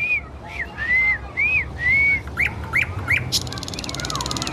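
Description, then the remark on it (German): A nightingale in the city sings a run of clear, rising whistled phrases, then switches to quick, sharp chirps and a buzzy rattle, over a steady low background hum. “Nee, das guckt sie sich von anderen Nachtigallen ab.”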